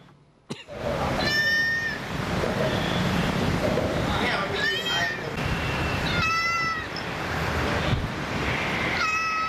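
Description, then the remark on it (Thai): Recorded cat meows played back from a device by rescue workers to lure a lost kitten at a bridge, four drawn-out cries spaced a couple of seconds apart, heard over a steady rushing background like wind or surf. “ทำไมมีแมวอีกตัวฮะ อยู่ในเครื่อง อ๋อเปิดเสียงแมว เปิดเสียงแมวล่อ แล้วได้ผลไหม”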